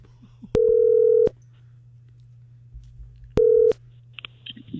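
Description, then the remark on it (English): A phone line rings twice through the earpiece as a call is placed to a woman's phone number, each steady electronic ring lasting under a second with a pause between, over a faint low hum. No one speaks. “So I called her.”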